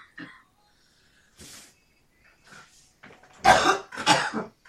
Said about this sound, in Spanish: Como ahorita reprendo este tos en el nombre de Jesús.